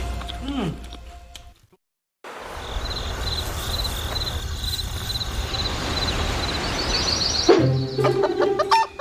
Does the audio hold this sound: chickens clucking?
yes